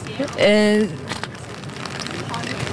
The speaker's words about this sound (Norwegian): Vi hører det knitre litt i paraplyer der, men folk lar seg ikke skremme av regnet som nå faller over Oslo.